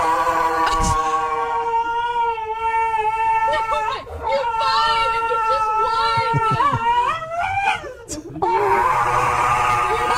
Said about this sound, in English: Here's a dog getting its nails clipped. All right, just one little clip. Ready?